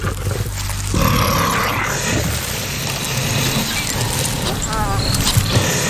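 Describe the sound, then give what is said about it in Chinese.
A pride of six young lions on the African savanna, facing two honey badgers, roar and snarl loudly in a continuous, rough stream of deep growls, with harsher bursts near the start and end and no pause in between. “在非洲大草原上，狮子是蜜獾最大的威胁之一。”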